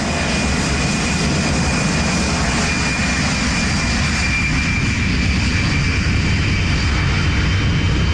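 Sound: airplane engine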